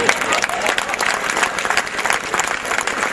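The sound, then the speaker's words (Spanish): An audience claps steadily in a dense, continuous burst of applause that holds a fairly even loudness for a few seconds, with a faint murmur of crowd voices mixed in. “Mierda, creí que no iban a aplaudir.”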